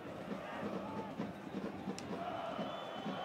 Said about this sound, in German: Und wenn Sie genau hinhören, die Zuschauer, die Atmo, das sind schon die Hansa Rostock-Fans. Keine Mannschaft hat mehr Fans in der Fremde als Hansa Rostock. 2.500 sind mitgereist.